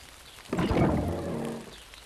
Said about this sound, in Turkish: Hadi acele et. Yağmur şiddetleniyor. Ne kadar da çok yağmur yağdı. Birazdan her yeri toprak kokusu sarar.